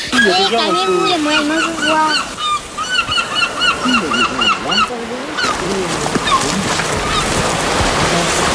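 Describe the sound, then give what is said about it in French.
Loud, raucous seabird calls crowd together close by, overlapping honks and squawks repeating throughout, with a wash of wind or surf beneath and voices talking among the birds. “Maman, on va trop près, tu vas les faire s'envoler.”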